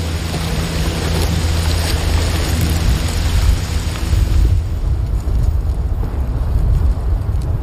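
Steady rainfall pours down in a dense, continuous hiss with a deep low rumble underneath, loud throughout, softening slightly in brightness partway through.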